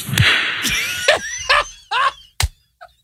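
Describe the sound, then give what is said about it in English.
A single sharp hand clap rings out near the end, after an answer in an interview, following several short, noisy bursts with a whistly, tonal edge. A faint brief tone trails after it. “I want to hear the answer and the clap again.”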